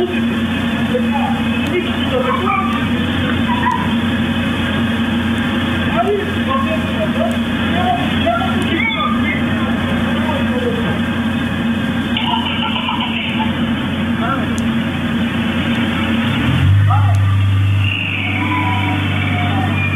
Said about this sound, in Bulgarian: Ситуацията. Сериозен трафик в Бяла.